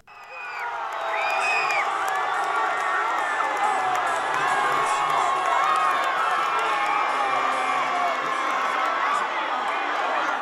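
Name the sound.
crowd cheering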